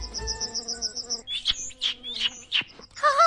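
A steady, rapid cricket-like trill gives way to a burst of bright bird chirps and quick rising tweets, fairly loud, with no one talking.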